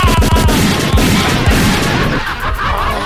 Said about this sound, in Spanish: Deme una ráfaga de balazo. Póngale.